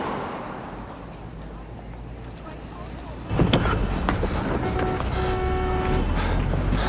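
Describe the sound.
Idling car interior with a low engine rumble while stuck in a traffic jam, apparently on Fendou Road; partway through, a window seems to open and louder street traffic noise floods in, with faint voices in the background.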